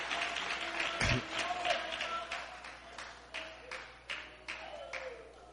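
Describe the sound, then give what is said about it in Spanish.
An audience claps hands together as a loud offering of praise to the God of heaven, a steady burst of applause with sharper rhythmic claps punctuating the dense patter throughout, and faint voices murmuring underneath. “Dale una ofrenda de palmas fuerte al Dios de los cielos.”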